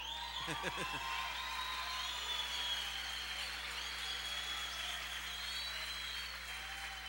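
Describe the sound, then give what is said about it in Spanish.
A crowd applauds steadily for about seven seconds, dense overlapping clapping at an even loudness, with a short vocal cry or whoop rising out of it near the start. “Me aplaudo, me bendigo, me pago.”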